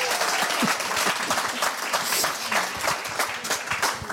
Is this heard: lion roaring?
no